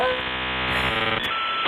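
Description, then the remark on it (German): A dial-up modem handshake plays on its own as an internet connection is set up: steady electronic tones and buzzing hum, then a short burst and a rush of harsh, hissing static, loud. “Ein Modem anschließen.”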